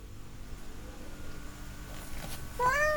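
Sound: cat meowing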